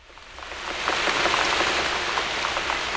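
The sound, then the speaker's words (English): Steady wet splashing and patter of rubber boots jumping through rain puddles down a street, swelling in the first second and then continuing fairly loud with scattered sharper drops and splashes. “This is the sound I make as I jump through the puddles and down the street, as my rubber boots keep the rain from my feet.”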